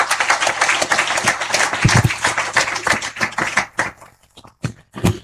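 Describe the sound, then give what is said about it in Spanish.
An audience applauds after a Gospel reading at a church service, with dense, overlapping claps for about four seconds, then the applause thins out into a few scattered final claps. “Que un aplauso de Hijo de Dios.”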